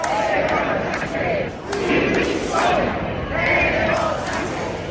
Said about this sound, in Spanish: Banderas de España y de Ceuta, pancartas contra el gobierno y sobre todo gritos pidiendo la dimisión de Pedro Sánchez.